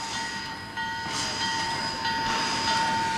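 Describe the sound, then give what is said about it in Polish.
A steam locomotive train rumbles steadily past, with a sustained mechanical hiss and a faint high whining tone running throughout, no voices present; a tourist attraction in a North American town that was once the gateway to the Klondike. “To jest na kontynencie północnoamerykańskim wyjątkowa atrakcja. Lokomotywa parowa.”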